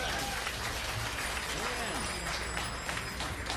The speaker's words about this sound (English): All right, that last number was by the band, and we appreciate the applause. Thank you.